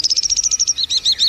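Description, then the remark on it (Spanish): Lark song, from one of the Alaudidae that sing in open countryside: a fast, high-pitched run of evenly repeated chirping notes that shifts into quicker, more varied warbled phrases, loud and clear with no voices. “Hemos perdido en una década, es decir, en 10 años, el 80% de los aláudidos, es decir, de las criaturas que cantan en el campo abierto.”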